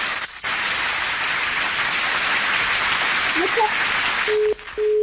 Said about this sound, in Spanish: ¡Muchedumbre, por favor! ¡Un aplauso a Ana Valeria!